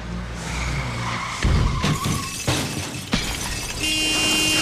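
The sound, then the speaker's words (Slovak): A car crash: tires skid and squeal, then loud impacts with glass shattering, followed by a sustained high ringing tone. Loud, with no talking. “Havária? Hrdza? Problém s motorom?”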